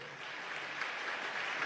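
An audience claps steadily, a dense, even wash of many hands at a moderate level that holds throughout without pauses or voices.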